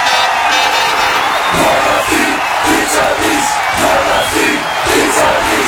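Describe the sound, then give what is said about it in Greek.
A large crowd roars and shouts in sustained, dense celebration of a goal, voices blending into a loud continuous wall of cheering with rhythmic surges throughout. “Να μπαίνει το γκολ και να φωνάζει. Γκολ αυτή, πίτσα εμείς.”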